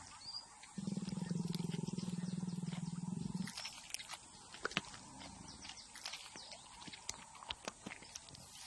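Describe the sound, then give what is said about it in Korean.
A low, steady growl rumbles for a few seconds, then gives way to irregular wet chewing and sharp crunches as a big cat tears meat and chews bones up overhead. “머리 위에서는 쩝쩝거리고 뼈를 씹고 고기 냄새가 진동을 하는데 부스러기 하나 떨어지질 않네요.”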